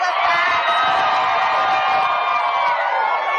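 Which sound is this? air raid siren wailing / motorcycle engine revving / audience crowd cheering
audience crowd cheering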